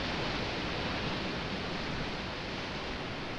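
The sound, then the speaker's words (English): A steady, continuous roar of ocean surf washing on a beach on a hot day, a dense hiss of cool water with no distinct breaks or pauses, fairly loud, with no voices. “Thank you for joining me on the beach. It's a hot day, but that water is cool, and those waves are amazing.”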